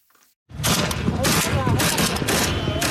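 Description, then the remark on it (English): Rapid, overlapping bursts of gunfire with heavy booming explosions from Yemen's civil war, loud and continuous after a brief quiet start, forming a dense, chaotic barrage. “The sound of Yemen's long simmering civil war unleashed anew in recent weeks.”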